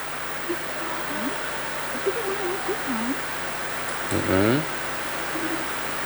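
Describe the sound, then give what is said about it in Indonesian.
A steady, dense hiss of heavy rain pours throughout, with faint voices murmuring briefly underneath and one louder rising vocal sound near the end. “Hujan di sini deras.”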